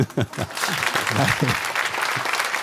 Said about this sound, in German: Immer gemein, wenn man als Moderator den Applaus so wegredet. Ne? Aber der kaum da war, deswegen war es. Wollen Sie nochmal applaudieren?